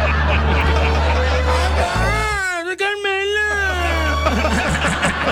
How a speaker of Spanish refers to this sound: ¡Miau!